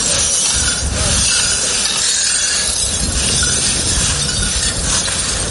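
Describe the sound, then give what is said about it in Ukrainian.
Steady scraping and crunching of broken glass at a kindergarten damaged by an explosion, with bright clinks of shards rattling over a dense, noisy background throughout. No one speaks. “Замість цього – звуки розбитого скла.”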